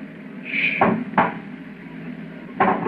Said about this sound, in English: It's at the door. Get ready. It's opening the lock.